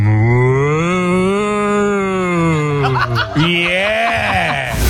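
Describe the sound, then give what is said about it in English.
A person dressed up as a cow loudly imitates a cow, holding one long, drawn-out moo, then breaking briefly before launching into a second wavering moo. “And that you've got to remember, they weren't just mooing. They were dressed up as cows as well.”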